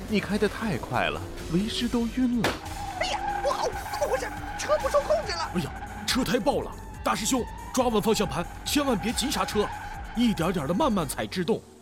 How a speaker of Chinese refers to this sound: 你开的太快了，为师都晕了。哎呀，不好，怎么回事？车不受控制了。 哎呀，车胎爆了！